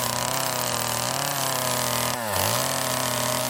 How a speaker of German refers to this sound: Aber jetzt gibt's ehrliche Handarbeit. Kettensägenarbeiten.